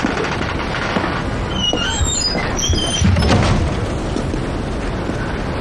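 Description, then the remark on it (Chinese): A home's front door creaks open with a few high squeaky hinge sounds to let in a community police officer, followed by a dull low thump around the middle, all over a steady hissy background with no talking. “请进，别给不认识的人开门了啊。”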